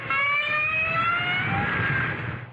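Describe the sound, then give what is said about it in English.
A whale call: one sustained, buzzy tonal moan with stacked harmonics that drifts slowly in pitch, lasting a couple of seconds over a steady low rumble. “If you agreed with these guesses, You've been fooled, because each sound was made by a whale.”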